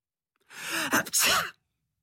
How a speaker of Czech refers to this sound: Kýchl Marcel. A z nosu mu vyletěla obrovská nudle.